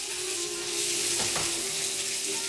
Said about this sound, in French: Al décide de se faire couler un petit bain.